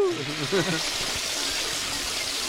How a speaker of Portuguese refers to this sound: Alguém puxou a descarga, mas aí é uma várzea, né?